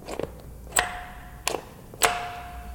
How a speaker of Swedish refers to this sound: Funkar ringklockan fortfarande? Vi ska se.